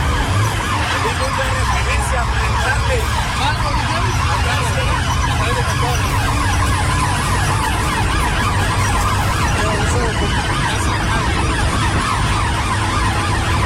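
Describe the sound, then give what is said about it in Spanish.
An ambulance siren wails continuously as ambulances travel along a ring road, the Anillo Periférico, responding to a fire reported in zone 7, reportedly at an illegal dump. Loud, busy street noise and rumbling traffic surround it, with indistinct voices mixed into the chaotic scene. “Y como se lo señalaba hace unos momentos, las ambulancias en estos momentos están circulando por anillo periférico.”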